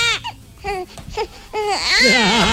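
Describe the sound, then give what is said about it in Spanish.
A baby cries in short, wavering bursts that build into a louder, continuous wail with rising and falling pitch. “Ay, Dios mío, síguele la jugarreta a este otro con la guagua, hombre, no.”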